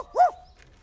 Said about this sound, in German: Oh, das ist ein Hund